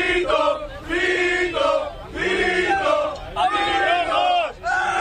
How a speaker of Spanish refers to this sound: En el vídeo se ve varios legionarios junto con el agitador ultra en el autobús que les estaba recogiendo de la Plaza Colón. Primero corean Vito Vito y después le jalean cuando grita eso de a por los rojos.